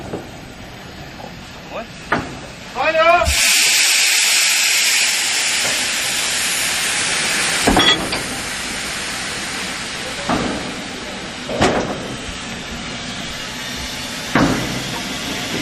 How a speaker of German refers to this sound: Nochmal Wasser nachfüllen, eine Fuhre Kohle aufladen und dann kann zum Rangieren losgefahren werden. Die beiden Waggons des Eisenbahntraditionsvereins Stassfurt werden angekoppelt.